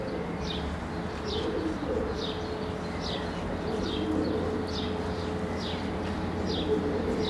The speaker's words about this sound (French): Mais aussi, une nichée de pigeons qui roucoule, perchée sur les barres de fer du pont.